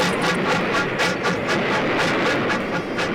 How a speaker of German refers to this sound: Averill hat wieder mal viel zu spät geschaltet. Die Daltons springen zur Seite und der entgleiste Zug rast durch den Sand weiter.